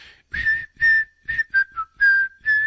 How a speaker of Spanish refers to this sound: Amoch dice, a mí sí me gustó, pero te faltó un chiflidito como el de ella para presentarlo.